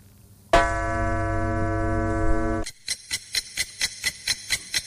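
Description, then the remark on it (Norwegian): A loud, sustained chime rings out for about two seconds and then cuts off, followed by steady, evenly spaced clock ticks repeating at a brisk rhythm. No one speaks. “Skulle kanskje klokkene vekk her.”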